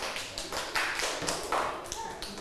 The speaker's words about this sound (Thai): ถูกต้องไหมคะเพื่อนๆกลุ่มอื่นถ้าถูกต้องนะคะปรบมือให้เพื่อนกลุ่มนี้หน่อยค่ะ